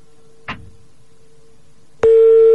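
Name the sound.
phone ringing unanswered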